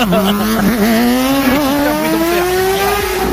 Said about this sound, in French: J'aimerais interdire le mec qui, vers 4 heures du matin tous les jours, traverse à fond avec sa moto.